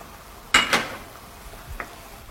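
A spoon or spatula stirs onions in a pan, scraping and clacking a few times in quick strokes, with a soft, steady sizzling hiss running underneath and no voices.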